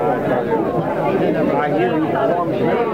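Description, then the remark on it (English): An approaching crowd chattering as it enters the street, many overlapping voices blending into a steady, busy murmur with no single voice standing out, holding at an even, fairly loud level throughout. “Here comes the crowd now. If you listen, you can hear them.”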